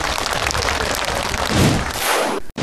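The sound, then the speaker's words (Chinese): A group claps together in a dense, steady burst of applause lasting a couple of seconds, fairly loud and even, before it stops abruptly. No one speaks over it. “非常好啊，对，来给他一个掌声。”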